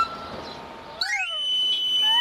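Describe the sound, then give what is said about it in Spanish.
A knife sharpener's (afilador's) whistle call, from a sharpener who came by bicycle with the sharpening stone mounted on it: a quick run of shrill, rising pipe notes that settles into one long, steady high tone, following a second of dull background noise. “Afilador. Ese era. Ese venía con la bicicleta.”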